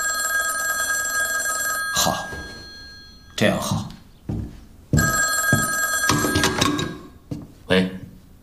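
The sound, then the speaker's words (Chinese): A telephone bell rings for a call from Nanjing in two long, steady bursts with a bright, buzzing metallic tone, broken by short thumps and bits of voice between the rings. “校长，南京电话。”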